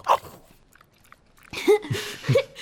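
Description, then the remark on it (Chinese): A palace dog named Shenghua chews on a piece of meat jerky brought from outside the palace, with a few crunching, smacking bites that grow louder after a brief quiet stretch. “陛下太抬举微臣了，以微臣看，生花不是跟微臣亲，是跟微臣从宫外带来的肉脯亲。”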